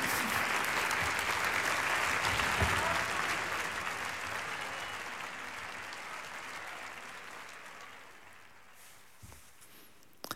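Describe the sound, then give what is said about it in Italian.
Sustained applause from a large audience welcoming the winner of the fifth edition of the Voci in Barcaccia competition, a dense wash of clapping that starts strong and gradually fades over about ten seconds, with no voices over it. “E noi riprendiamo la linea qui in studio in Via Asiago con questi begli applausi che hanno accolto anche il vincitore Carlos Fernando Reynoso di questa quinta edizione del concorso Voci in Barcaccia,”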